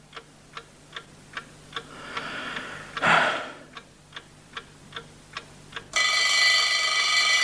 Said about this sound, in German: Es war der Wecker auf dem Nachttischchen. Auf ihn hatte ich gewartet. Das Weckwerk war, wie ich am Abend zuvor festgestellt hatte, auf 7:00 gestellt. Und Punkt 7:00 hatte der Wecker geschellt.